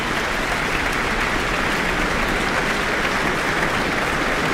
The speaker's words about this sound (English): let's take the applause in here in the Auckland Town Hall after performing Beethoven's Piano Concerto No. 3. And the musicians of the Auckland Philharmonia are applauding along as well.